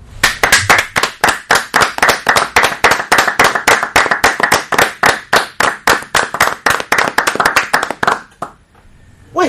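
Loud, sustained applause from an audience in tribute to the late Lucía Luján Sabodín, with dense, fairly steady clapping that continues for about eight seconds and then stops abruptly, leaving near silence.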